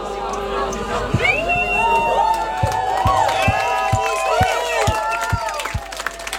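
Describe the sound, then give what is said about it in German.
A crowd claps and cheers together, with rhythmic clapping and many overlapping whoops and shouts, loud and steady. “Applaus an euch. Das war jetzt schief gesehen, aber laut.”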